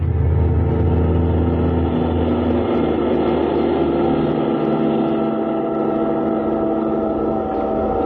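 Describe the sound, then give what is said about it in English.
A car engine runs loudly and continuously, a deep rumbling drone that strains and builds as the vehicle accelerates, steady for the whole stretch with no voices. “Kismine in the car that needed no roads.”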